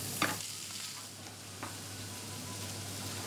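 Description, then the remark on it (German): Pointed cabbage, braised whole in the oven and lightly charred outside, sizzles steadily in a hot pan as it is briefly fried for roasted flavour, a constant soft crackling hiss broken by two brief sharp clicks, like a utensil touching the pan. No one speaks. “Jetzt wird er fürs Röstaroma noch mal ein bisschen angebraten.”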